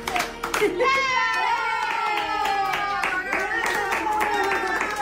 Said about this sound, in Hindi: जब परिवार के सदस्य उसके लिए स्पेनिश में हैप्पी बर्थडे गाना शुरू करते हैं, कोपिटो खुशी से अपनी पूंछ हिलाने लगता है और अपने छोटे छोटे पंजों से तालियां बजाने लगता है।